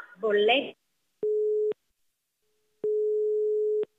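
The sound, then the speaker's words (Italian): A brief voice fragment cuts off as the other party hangs up the phone call, then a telephone busy tone sounds: two steady, clear electronic beeps at one pitch, the second longer, separated by silence. “Ma che cazzo fai? Mi butti giù il telefono?”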